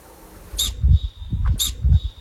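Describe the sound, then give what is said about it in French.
Alpine ibex calls: two sharp, hissing whistle-like blasts about a second apart, each carrying a low rumbling thud beneath it, with no voices present. “Le bouquetin, oui, c'est le bouquetin.”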